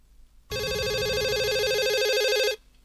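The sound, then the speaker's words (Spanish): A telephone rings once with a loud electronic warbling tone lasting about two seconds, then cuts off into silence as the call goes unanswered, with no voices present. “Llaman a uno por teléfono.”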